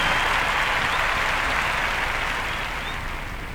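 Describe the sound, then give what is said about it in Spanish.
Loud, sustained applause from a large audience for the Filarmónica de Mendoza, a dense wash of clapping that holds steady and only slightly fades toward the end, with no voices standing out. “fuerte el aplauso.”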